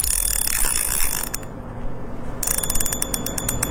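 A fishing reel winds while someone is fishing for small fish, with a steady, rapid ratcheting click, a dense mechanical clatter that pauses briefly midway and then resumes with sharper, evenly spaced ticks.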